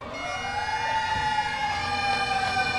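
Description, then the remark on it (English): Fire truck sirens wail steadily outside Fenway Park in Boston as firefighters and riders set off on a bike ride to New York City, their rising and falling tones overlapping loudly and continuously with no pause or voices. “Serenaded by sirens and bagpipes outside Fenway Park, the riders began a 343-mile journey from Boston to New York City, symbolizing each of the firefighters lost on 9/11.”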